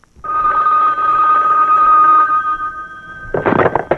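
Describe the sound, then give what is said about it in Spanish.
A telephone rings with one long, steady electronic tone lasting about three seconds, loud, then cuts off into a short burst of clattering handling noise. “¿Aló? Vean, ahí sí huela, ya le parece que yo le quito el teléfono, mire.”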